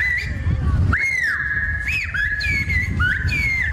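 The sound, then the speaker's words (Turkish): Whistled bird language (kuş dili), the Black Sea tradition listed by UNESCO, used in a conversation at a festival: a run of long, shrill whistled tones that hold steady, then slide up and down in pitch across several linked phrases, loud over a low murmuring background. “Ayrıca kuş diliyle yapılan konuşmalarda ilgi gördü.”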